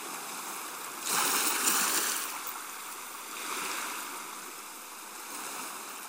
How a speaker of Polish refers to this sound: Kiedy olbrzymie fale wyczerpują się w końcu i zamrą, pozostaje tylko bulgot albo plusk przy brzegu, plusk przy molu czy kadłubie statku, przy boi albo wymytej skale. Długo trwa, a słychać go zwłaszcza nocą.